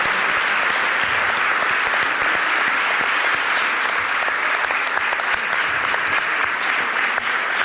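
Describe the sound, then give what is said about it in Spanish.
Sustained applause from a large audience at a live radio broadcast in Valderrobres, dense steady clapping at even loudness throughout, full, with no talking over it. “si no me falla la memoria, también le van a aplaudir, porque la radio vive de esta complicidad, de este vínculo entre los oyentes y los que la intentamos hacer cada mañana.”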